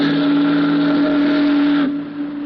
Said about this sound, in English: The Missouri Queen steamed majestically down the broad channel of the river. It was a night that was dark and moonless. The big boat's doleful whistle and the rhythmic churning of her huge stern wheel were the only audible sounds.